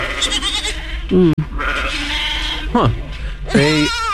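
Goats bleat three times in quick succession, loud, each call a wavering, quavering cry, with a dense background hiss of noise running throughout.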